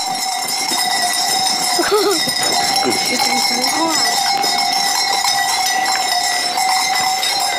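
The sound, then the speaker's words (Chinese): A goat of the kind called 东山羊 (Dongshan goat), kept on a family farm on a mountainside, gives a short wavering bleat or two amid steady clanking bells and a busy outdoor hum, with other goats faintly calling in the background and a voice occasionally talking. “绵羊是耳朵是大大的，没有脚的，绵羊是没有脚的，你看那个脚是那么大的，叫东山羊。”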